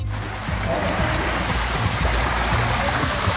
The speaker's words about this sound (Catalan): La Riera de Mataró, per exemple, baixava amb força.